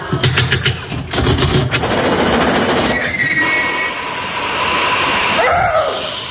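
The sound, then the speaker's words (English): A steam train pulls into a station with a loud rumble, a few sharp rhythmic clanks at first, then drawn-out high squealing brakes as it slows. No one speaks. “Oh, Huff-Puff train. How nice of you to meet me at the station, Major.”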